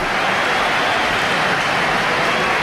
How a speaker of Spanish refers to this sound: Bueno, ¿hay división de opiniones? ¿O? Hay aplausos para Hugo Duro, yo creo.